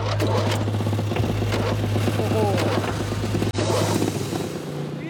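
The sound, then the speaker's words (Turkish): Several lawn mower engines start up and run while being tested, with a steady low drone and rapid putt-putting, loud and continuous, with a brief cutout partway through and people talking over the noise. “Biraz çim biçelim.”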